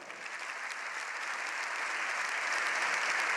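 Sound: applause in parliament chamber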